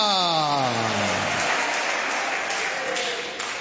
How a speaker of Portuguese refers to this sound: Assenta, desocupa suas mãos, vamos aplaudir ao Senhor. Isso, glória a Deus. Cadê o glória a Deus? Eu escuto as palmas, mas não escuto glória a Deus.